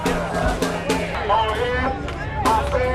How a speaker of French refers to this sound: Les slogans scandés par la foule sont en anglais. Pas de haine, pas de peur, les migrants sont les bienvenus ici.